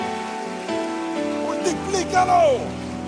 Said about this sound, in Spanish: Eso merece un aplauso. Déselo con fuerza al Señor.